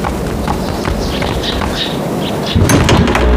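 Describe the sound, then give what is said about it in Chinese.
Footsteps knock across a hard floor as a person goes to open the door, then the door is pulled open near the end with a fuller thud and rattle, fairly loud, with no one talking. “我去开门。”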